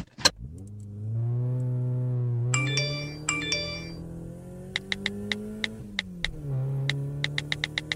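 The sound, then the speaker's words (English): The driver's mobile phone rings twice in short melodic bursts inside a moving car, a call from his girlfriend, over a steady, rising engine hum, followed by a series of sharp ticking clicks. “It's my girlfriend. I gotta answer it.”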